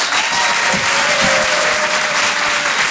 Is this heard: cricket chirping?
no